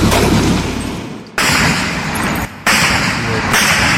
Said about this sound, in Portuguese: Ai, meu Deus, tá dando tiro.